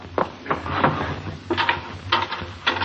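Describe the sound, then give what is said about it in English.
The wooden drawer of a chess table slides open in a few short, scraping pulls, with faint knocks and rattles of the chessmen inside. It is fairly quiet, with no voices. “Then where are the chessmen? In the drawer of the chess table.”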